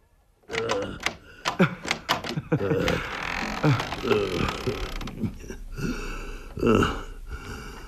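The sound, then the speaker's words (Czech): Sharp metallic clicks and rattles of a lock being worked, followed by a drawn-out creak as a door slowly swings open, fairly loud. “Řekl jsem, aby jsi odemkl.”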